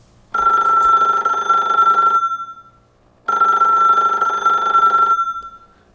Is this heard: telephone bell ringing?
yes